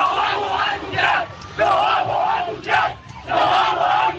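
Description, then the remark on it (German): A crowd of football fans cheers and chants at an airport at 9:16 pm as team buses drive onto the apron, in loud, rhythmic swells, voices rising and dipping roughly every second, with no single speaker standing out. “Doch der Jubel hat hier deshalb noch gar nicht komplett aufgehört.”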